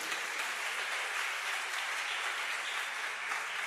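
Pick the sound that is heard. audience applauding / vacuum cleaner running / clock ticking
audience applauding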